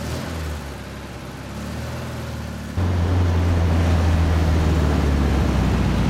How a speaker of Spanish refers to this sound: El joven está al volante de un escarabajo blanco descapotable que sale a la calle. Circula por estrechas calles del centro de Madrid.